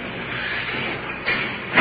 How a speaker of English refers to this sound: Jailer's opening the door for us. Prisoner's placed in the cell.